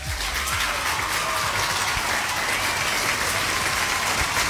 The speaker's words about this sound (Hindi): तो दोनों आंसर सही है, तो आप दोनों के लिए यहाँ पे स्पेशली बजाएंगे भाई तालियां।